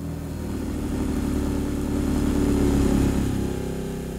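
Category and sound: vehicle, car driving away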